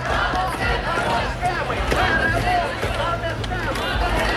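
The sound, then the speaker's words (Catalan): Thousands of Ukrainians protesting in the streets of several cities, including Kyiv, at 9 p.m. against the dismissal of the country's Defence Minister: a huge crowd shouting in a dense, continuous roar of overlapping voices with no pauses, loud and steady throughout. “Són els crits de milers d'ucraïnesos que protestaven per la destitució del ministre de Defensa del país”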